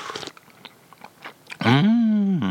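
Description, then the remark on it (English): Crunchy chewing of a twice-bitten cream-filled biscuit in short irregular bursts for a second or so, followed by a loud, drawn-out hummed voice. “Now you've got a biscuit that's been bitten into twice in your mouth, or wherever you put it.”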